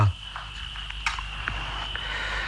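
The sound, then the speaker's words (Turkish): A steady, continuous high chirring of crickets fills a quiet night in a small town after a hot day, with a low background rumble and a few soft clicks scattered through; no one speaks. “Dinle bak, cırcır böcekleri.”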